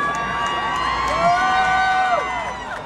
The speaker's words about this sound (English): And for those of you booing us, some of us are not afraid. And we most assuredly are not ignorant.